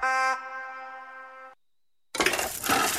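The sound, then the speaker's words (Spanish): A couple of ice cubes strike a glass with a bright, ringing clink that hangs for a moment, then after a brief silence a loud, hissing rush like a fizzy pour fills the rest, in a radio spot for FM Cataratas of Puerto Iguazú, Misiones. “El sonido de un par de hielos, un vaso, te da sed.”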